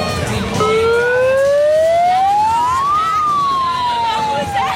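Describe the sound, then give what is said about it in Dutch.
VOC supporters from Amsterdam, dressed in green and fewer in number, make noise in the stands with a loud siren-like wail that slowly rises in pitch, then falls, over a steady background din of crowd murmur. “En ja, ze zijn wat minder in getal, maar ook zij kunnen lawaai maken.”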